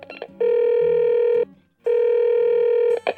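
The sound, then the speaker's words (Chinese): A phone call's ringing tone as someone calls a female schoolmate: two long, steady electronic buzzes, each about a second, separated by a short pause. The tone is clear, with faint background noise between. “好烦哦，直接打电话给她，就说她都没回讯息，我会担心。”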